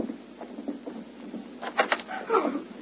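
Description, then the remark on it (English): A door being opened: a pair of sharp latch clicks followed by a short creaking, scraping swing, moderately loud over a faint background hiss, with no one talking. “Arch ahead of us and open that door.”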